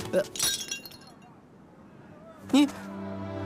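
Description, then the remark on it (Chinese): A begging bowl is smashed by an inn waiter after grabbing the copper coins in it, a loud sharp crash followed by scattering shards, then a second shorter crash about two seconds later, with voices and a low background hum underneath. “小二气愤地冲过来，抢走了张氏饭碗里的铜钱，还砸了他要饭的碗。”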